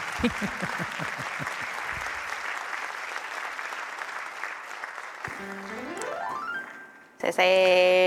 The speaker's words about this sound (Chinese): 谢谢 啊，感谢大家啊，哈，感谢大家满满的掌声呐，啊！